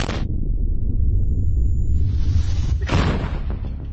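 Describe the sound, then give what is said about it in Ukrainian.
A Soviet-designed 152mm D-20 howitzer fires with a sharp, loud blast, followed by a deep rolling rumble and a second broad burst of sound near the end as the boom reverberates. “Це гармата Д-20 152 калібру радянського зразка.”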